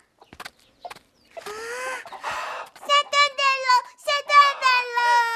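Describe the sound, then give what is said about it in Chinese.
A hen cackles loudly after laying an egg, a few soft clicks first, then a run of sharp, repeated squawking clucks in quick rhythmic bursts, no one talking over it. “是啊，老母鸡胆子可小了。”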